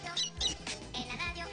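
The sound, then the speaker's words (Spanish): A children's song about farm animals with high, squeaky chick peeps repeating over a busy, bright musical backing, the short chirps popping out several times in quick succession at a moderate level. “En la radio hay un pavo y el pavo glu glu glu, el gallo corococó, la gallina co y el pollito pío.”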